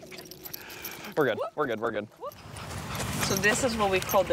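A few sharp, high yelps and whimpers from excited dogs in New York State, about to be taken out for a walk, come in quick bursts, followed by continued whining and shuffling against a steady background hiss.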